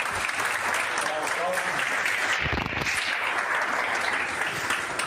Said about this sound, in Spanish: Así que un gran aplauso para